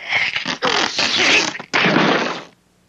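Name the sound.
loud sneeze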